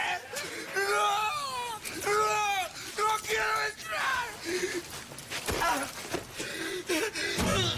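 A man screams and wails in anguish, repeated strained vocal cries with rising and falling pitch, loud, breaking into gasps and moans over about eight seconds.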